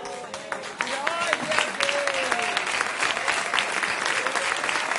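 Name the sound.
audience clapping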